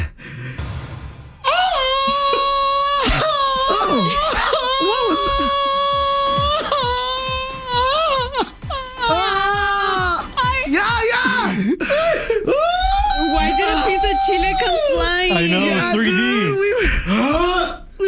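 A loud Mexican grito: one long, warbling festive yell, sustained for over fifteen seconds with wavering pitch, brief catches for breath, and a final held high note before trailing off.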